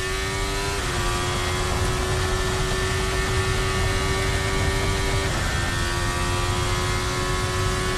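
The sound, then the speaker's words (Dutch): A high-pitched Formula 1 engine screams at full throttle, holding steady tones with sharp gear shifts near the start and midway, loud with no voices. “Je hoort het hier ook al eerder gaan. 19 onder de tijd van Hamilton. En nu vol door.”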